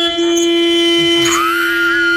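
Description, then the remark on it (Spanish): A long, loud vehicle horn blares steadily for the whole stretch, a single unbroken buzzy tone with no pauses. A second, higher tone swells in partway through. No one talks. “Es un pito que suena fuerte, un pito oiga largo.”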